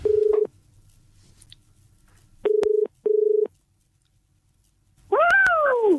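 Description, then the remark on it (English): A telephone ringing tone sounds in steady electronic bursts in the morning, one alone and then a close double ring, followed by a brief rising-and-falling cry near the end. “And then when your phone rings in the morning, whoever is ringing you, just answer it with a big Mexican Wave cheer, whatever that is.”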